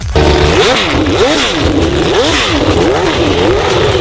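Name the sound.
engine revving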